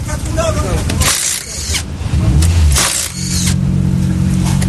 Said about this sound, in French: Donc là, on est en train d'actionner le cric. Voilà. On entend derrière que le cric monte.